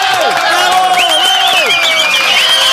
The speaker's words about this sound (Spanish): ¡Ganador! Damos el nombre. ¡Fuerte los aplausos